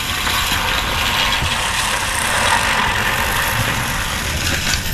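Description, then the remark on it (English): A push reel lawnmower whirs steadily for several seconds, its spinning blades giving a continuous clicking, ratchet-like clatter with a broad, hissy rasp and no voices. “The human-powered lawnmower.”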